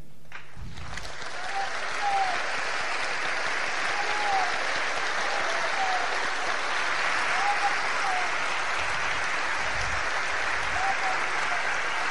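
Sustained applause from an audience, a dense steady wash of clapping lasting the whole stretch at an even volume, with a few faint cheers or whistles rising above it.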